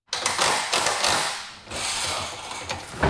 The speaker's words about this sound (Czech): Místo houslí nebo klavíru se barokní zahradou Českokrumlovského zámku ozývají zvuky kladiv a vrtaček. V prostorách letní jízdárny se teď dolaďují poslední detaily před zahájením programu Festivalu Krumlov.